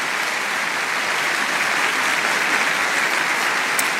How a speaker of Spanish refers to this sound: Dale un aplauso a Dios porque Dios es bueno.